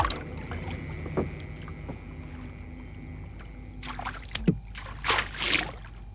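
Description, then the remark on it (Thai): A flat-bottomed Thai night fishing boat (ruea kradan phi lok) from the Chao Phraya basin, with a white-painted board sloping into the water on one side and a net on the other, is paddled along a river or canal, with irregular splashing strokes and drips, growing louder toward the end over a steady low hum. No one speaks. “ยามเมื่อพายออกไปตามแม่น้ำลำคลองเมื่อปลาเห็นแสงสีขาวสะท้อนออกมาในความมืดก็จะตกใจและพยายามดีดตัวหมายจะข้ามกระดานให้พ้นก็จะเข้ามาติดตาข่ายที่ขึงดักไว้โดยง่าย”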